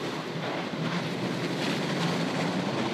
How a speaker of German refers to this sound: Die Bahntrasse führt überwiegend auf halber Höhe am Osthang des Murgtals entlang. Nach einer guten Stunde passiert der Zug Vorbach, überquert noch zweimal die Murg und fährt kurvenreich Richtung oberes Murgtal.